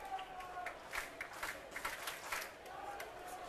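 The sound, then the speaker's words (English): A baseball crowd cheers, a steady murmur of voices broken by scattered rhythmic claps that swell briefly and settle back into a low, continuous din, as the pitcher gets ahead 0-2 with the bases loaded and nobody out in a 6-0 game. “Now ahead 0-2, and the crowd coming alive.”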